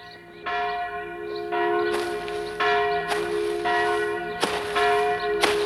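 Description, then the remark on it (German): The bell of the village church in Dörfli tolls repeatedly in a steady rhythm, each strike ringing out with long overlapping resonant hum, fairly loud, with no voices. “Das ist die Glocke der Dorfkirche.”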